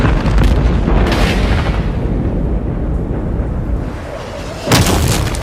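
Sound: volcanic eruption rumbling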